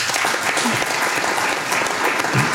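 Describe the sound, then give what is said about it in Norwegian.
Steady applause from a small group fills the whole stretch, a dense crackle of many hands clapping at even loudness, with no talking over it. “Det en liten applaus for den.”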